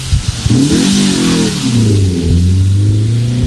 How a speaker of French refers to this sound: Voilà, le moteur qui s'emballe. Petit Twingo, hein.